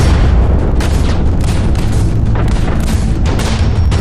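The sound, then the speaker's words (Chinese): Loud, continuous artillery cannon fire at the Lugou (Marco Polo) Bridge, China, in July 1937: deep booms roll over one another in a dense, rumbling barrage that never lets up, with bursts of blasts throughout and no voices. “1937年7月，卢沟桥的炮声响”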